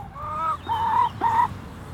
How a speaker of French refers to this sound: Un poule. On a trois. Pas de coq. Dommage, hein.